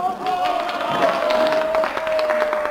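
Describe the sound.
A large crowd cheers and roars at the Avus race track in Berlin, a dense, continuous wall of voices at steady loudness, with a faint sustained whine running underneath throughout.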